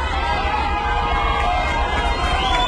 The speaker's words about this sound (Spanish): ¡Bravo, perrito! Gritan quienes celebran toda expresión de vida que se encuentran bajo los escombros.